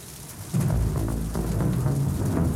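A thunderstorm sound effect: steady rain hisses throughout while a deep, rumbling roll of thunder swells in about half a second in and lingers heavily to the end, with no voices present.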